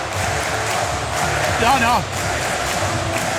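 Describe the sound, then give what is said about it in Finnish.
A large crowd roars and chants Christian Heljanko's name on his homecoming, a steady wall of voices, with one louder rising shout standing out briefly near the middle. “Aikamoinen kotipalu. Heljangon nimeen huutaa yleisöön.”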